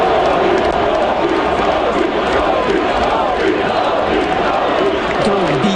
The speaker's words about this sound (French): Alors là, il y a présentation des joueurs et bon, les joueurs des Canadiens quand ils sautent sur la glace, ils sont tous chaudement applaudis, mais il y en a un quand même qui a eu droit à quelque chose de spécial.